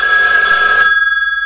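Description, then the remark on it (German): A telephone rings loudly at a schoolteacher's, one bright, trilling burst of shrill bell tones that keeps sounding to the end, with no voices over it. “Beim Schulmeister rabot im Telefon.”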